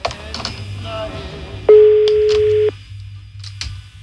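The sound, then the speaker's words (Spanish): A single loud, steady ringback tone sounds for about a second over a phone line, the ring of an outgoing call, set against low hum and faint background noise. “Sonando el teléfono”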